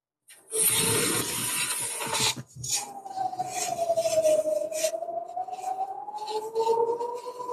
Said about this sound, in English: Can you hear that? We can hear that. These are the sirens, basically warning the Israelis that there are some rockets coming in a couple.